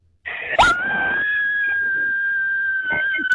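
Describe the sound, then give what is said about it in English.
A woman lets out a long, sustained, high-pitched Hollywood horror-style scream as a contest entry, loud, holding one piercing note for about three seconds. “Your Hollywood horror scream.”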